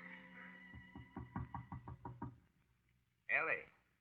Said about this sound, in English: Her father knocks at the door.